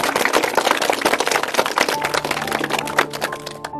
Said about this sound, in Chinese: 好，来，我们鼓掌欢迎。